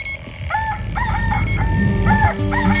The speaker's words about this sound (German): kommt der Moment, wo alle Wecker schellen.